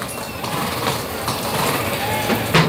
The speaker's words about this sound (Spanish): ¿Cómo resopla el caballo? Del esfuerzo, claro.